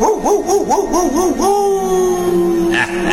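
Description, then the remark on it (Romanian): A dog howls, its voice wavering in quick rising-and-falling yelps before stretching into one long, steady howl that trails off. “Ia latră tu blestemul ăsta.”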